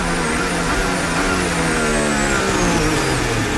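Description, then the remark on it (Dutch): A racing car's engine roars, its pitch sliding downward as it brakes hard into turn 15, with a rough, juddering edge as the car bounces over the track like a kangaroo. No voices. “Zie hem en je hoort hem ook gewoon stuiteren.”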